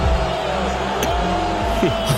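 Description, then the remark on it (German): A large crowd at an NBA Finals game boos Donald Trump in one loud, continuous roar. Many voices blend into a dense, low drone that holds steady throughout without any break. “Auch wenn diese Buhrufe hier, die ihr jetzt gerade hört, an Donald Trump ging, der war nämlich auch beim Spiel heute Morgen als erster amtierender US-Präsident übrigens bei einem NBA-Finale.”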